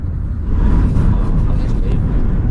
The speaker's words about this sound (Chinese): 调查队再次回到公路，打算开着汽车绕着多米杰村再转几圈。